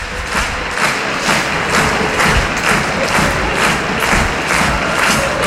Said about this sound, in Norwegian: Her publikum fornøyd med at Molde leder 1-0.